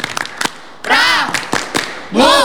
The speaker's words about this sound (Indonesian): Ya, tepuk pramuka.